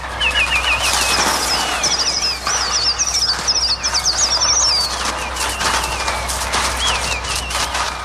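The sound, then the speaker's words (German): A Trautonium, a later development of the 1930 instrument of the kind used for the birds in Alfred Hitchcock's film The Birds, imitates a dense flock of birds: warbling, rising and falling chirps and shrill cries over a loud, continuous rushing flutter like beating wings, with no one speaking. “Sie waren keine Vögel, sie waren ein Trautonium.”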